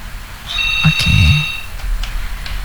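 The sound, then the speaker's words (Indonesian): A short electronic phone ring for the next incoming call, with steady high tones over about a second, moderately loud, accompanied by a brief low warbling sound and faint background noise, with no speech. “Mungkin sekalian kita terima telepon berikutnya juga ya Pak Ustadz ya.”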